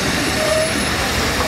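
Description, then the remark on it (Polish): A train rolls along the rails with a steady rumble and a faint, thin squeal of wheels running through it. The sound is brief and even, with no voices. “Spóźniony pociąg.”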